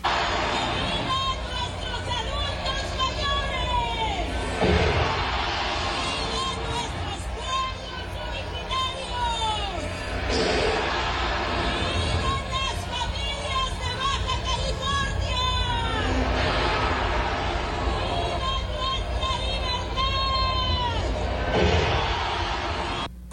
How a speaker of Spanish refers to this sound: Las vivas grabados para que no se escucharan los abucheos, según se dijo en esta ceremonia del grito de independencia.